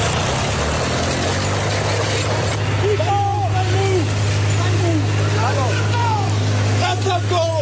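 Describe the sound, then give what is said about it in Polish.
A tractor engine drones loudly and steadily, a deep continuous rumble, while indistinct voices call out intermittently over it, as a 60-year-old farmer uses the tractor to destroy a road in Gliwice, Poland. “Zamieściła też nagranie ze zdarzenia.”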